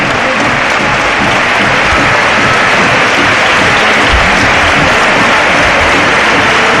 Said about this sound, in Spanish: Aplaudo ahora a los aficionados del Recre, habida cuenta de ese cántico que ha salido de la grada donde está la inmensa mayoría de los aficionados del Betis, gritando aquello del Recre de primera, y ha respondido la afición con el agradecimiento